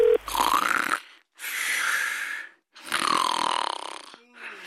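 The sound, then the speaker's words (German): A man who has fallen asleep while on the phone snores three loud, rasping snores, each lasting about a second, separated by short silent pauses in a slow, steady rhythm. “Du bist ja schon wieder beim Telefonieren eingeschlafen.”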